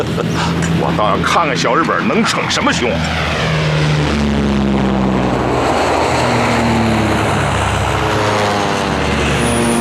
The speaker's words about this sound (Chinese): 敌机告诉战士们，注意隐蔽。 飞机来了，注意隐蔽。 注意隐蔽。